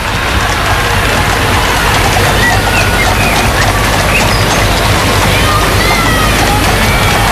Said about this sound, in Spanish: Los vivas al rey, que se han podido escuchar sí. Esta mañana. Son los vivas al rey, los vítores, aplausos para la familia real.